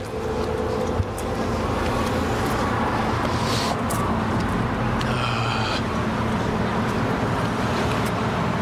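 Steady urban traffic rumble fills the city street, with passing cars and engine drone, a brief high squeal midway, and continuous street noise throughout, as people cross the street behind cars over cable car tracks.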